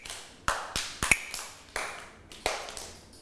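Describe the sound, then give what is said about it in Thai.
A percussion instrument is tapped as a slow-rhythm signal for children to move slowly during a morning exercise activity: about eight sharp, ringing strikes, each fading away before the next, with no voices. “เสียงสัญญาณจังหวะช้าค่ะเด็กๆต้องทำอย่างไรลูกเคลื่อนไหวให้ช้าช้าตามเสียงสัญญาณนะคะ”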